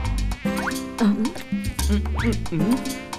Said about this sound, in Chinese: 苍蝇